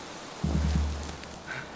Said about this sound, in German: Das windet.